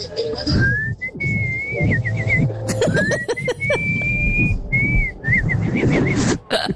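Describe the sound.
A person whistles a bright, warbling birdlike tune in rising and wavering phrases, imitating a bird's trill, over steady low background rumble with a brief burst of rapid clicking notes midway.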